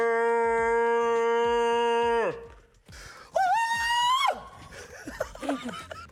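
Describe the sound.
A voice holds a long, steady low sung note for about two seconds, then after a brief pause a second voice lets out a piercing, high-pitched scream, followed by scattered laughter.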